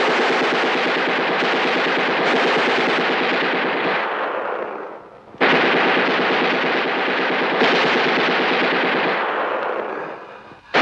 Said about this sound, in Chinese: 机枪扫射。